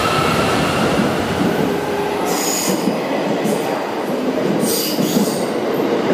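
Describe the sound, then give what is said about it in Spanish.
A narrow-gauge Limited Express train in Japan runs past with a loud, steady rolling roar and two brief bursts of high, screeching wheel squeal along the rails. No one speaks. “se está trasladando cada vez más al Shinkansen, pero todavía hay muchos trenes Limited Express de vía estrecha.”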